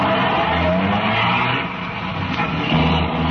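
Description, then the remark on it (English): A car engine roars as the vehicle pulls away, tires squealing and skidding against the road, loud throughout the few seconds with no voices. “By 2:35, the other half pulled out, and a few minutes later, Ben and I followed.”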